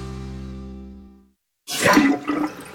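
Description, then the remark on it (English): A slow toilet is flushed again, a loud rushing gurgle of water that starts abruptly after a sustained musical tone fades into a short silence. “Honey, this toilet is still slow. Flush it again!”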